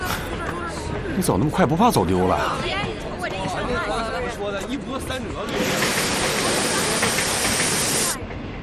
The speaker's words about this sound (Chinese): 火车已经进站了啊！别推呀！别上车！别上车！别上车！火车马上就要开车了啊！